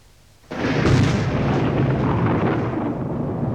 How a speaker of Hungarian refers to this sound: Villámlik. Menj, dörög. Éppen, mint lelkemben.